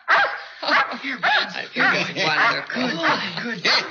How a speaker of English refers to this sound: Oh, here, Buttons. Here, good. Wonderful. Good. Good. Shiny. Quite a dog. His ears are pretty.